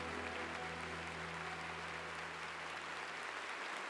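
An audience claps in steady, dense applause for about four seconds, with a low sustained hum beneath it that fades out near the end. No one speaks.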